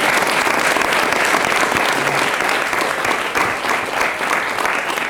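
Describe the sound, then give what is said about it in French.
Sustained audience applause fills the whole stretch, a dense, steady wash of many hands clapping, loud and unbroken with only slight dips in intensity. “Vous pouvez applaudir.”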